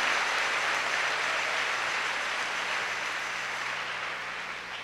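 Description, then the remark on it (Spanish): A crowd applauds steadily, a dense wash of many hands clapping at once that holds level and then gradually fades toward the end, with no voices over it, applause offered as a prayer asking God for the gift of conversion. “Con un aplauso, dile: Dios, dame el don de la conversión.”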